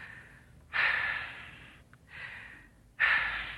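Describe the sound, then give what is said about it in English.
Two deep, audible breaths being taken: a sharp, airy inhale, a slower exhale, then another strong inhale starting. The breathing is unhurried and deliberate, with no talking. “Take two deep breaths.”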